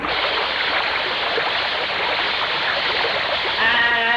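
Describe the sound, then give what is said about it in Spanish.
A steady, loud rush of splashing water fills the whole clip as water is thrown against a dirty glass window, with a brief voice-like tone near the end. “Y este vidrio sí que está sucio, vaya. Ni se mira para el otro lado, cañote. Vaya, échale agua.”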